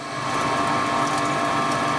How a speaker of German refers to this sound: Es ist eine Pumpe, die Wasser aus dem eigenen Brunnen in Richtung der Sprenkleranlage auf dem Fußballfeld nebenan befördert.